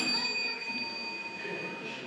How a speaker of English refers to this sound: Okay, so the next one, ring the bell.